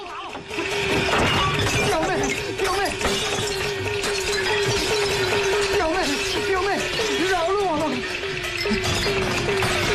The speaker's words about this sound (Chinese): 结果后来发现还有联系，把这中间人呢，把这个亲戚他们家啊全给砸了。